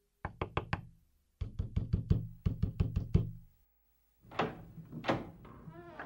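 Loud knocking on a door by a police officer knocking hard, in three quick bursts of rapid raps, each burst a little longer than the last, followed by a rougher, scraping noise.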